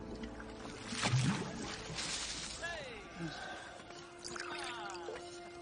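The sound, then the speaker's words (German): Water sloshes as it is scooped up and poured out in a steady stream, with other sounds and indistinct activity in the background. “schöpft etwas davon ab und bringt es zu dem Zeremonienmeister.”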